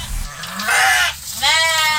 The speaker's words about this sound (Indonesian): Suara kambing terdengar dari kandang sederhana di lingkungan rumah Sukiman di kawasan Lempake, Samarinda.